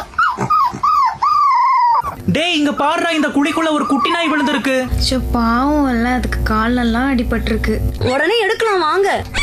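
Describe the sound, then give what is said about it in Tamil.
A dog whimpers and cries in a steady stream of high, wavering whines that rise and fall in pitch, fairly loud and continuing throughout, with a low rumble of background noise midway; the dog has been crying since morning near a shop. “ஏங்க இந்த நாய் காலையில இருந்து பாக்குறேன் அழுதுட்டே இருக்கு.”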